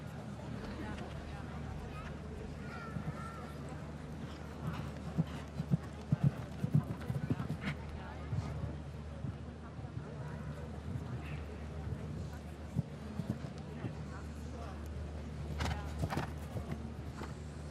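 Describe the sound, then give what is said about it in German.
Horse hooves thud in an irregular clip-clop over a steady low rumble during a show jumping round, with a few sharper impacts as the horse takes off at and lands over an oxer jump; faint speech sits in the background. “Schön gesehen, wie das Pferd genügend Platz hatte an diesem Ochser mit dem Absprungmoment.”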